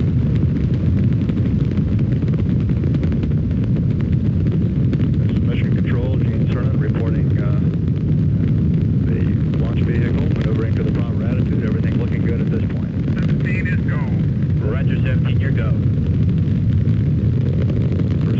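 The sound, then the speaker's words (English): A Saturn V rocket launch roars as the rocket moves off the pad and clears the tower, a loud, unbroken, deep rumble that holds steady throughout, while faint crackly voices come and go over it in the middle. “as the Saturn V is moving off the pad. It has now cleared the tower.”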